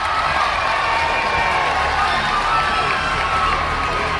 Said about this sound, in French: La foule crie, porte et admire les coureuses.